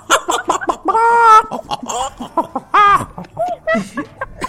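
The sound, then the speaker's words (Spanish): A hen clucks in quick, choppy bursts, breaking twice into longer, drawn-out squawks, with a faint voice or two mixed in underneath. “Sí, que animal de gallina poñetera.”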